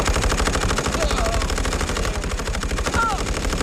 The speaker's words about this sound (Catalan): Els alemanys, que encara no creuen el que veuen els seus ulls, preparen les seves metralladores... Hey. I obren foc.